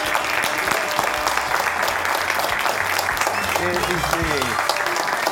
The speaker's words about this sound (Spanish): Les pido un fuertísimo aplauso para recibir